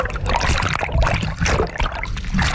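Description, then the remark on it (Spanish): Water splashes and sloshes as people get into the water, a fairly loud churning that keeps bubbling and trickling for a couple of seconds with no voices. “Venga, nos metemos en el agua.”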